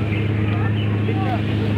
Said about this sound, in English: We are now entering the Great White River Rapids.